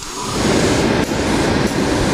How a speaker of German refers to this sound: Doch wenn in ihrem Atelier die beiden Auszubildenden, Jahrespraktikant und Meisterin, an den Nähmaschinen sitzen, ketteln und säumen, wird's auch bei Ried Couture laut. Es schnurrt und rattert.